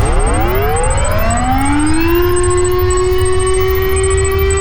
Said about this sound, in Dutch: Het luchtalarm. Nou, als je dat hoort, niet nu, hè, maar als je dat straks hoort,